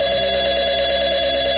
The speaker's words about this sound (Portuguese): Atendia o telefone. Alô?